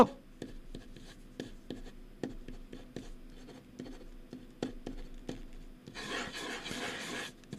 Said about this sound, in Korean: 자, 씁니다. 이제 씁니다. 쓰는 소리 이제 들려드릴게요. 아무거나 쓰고 있는 거예요, 지금.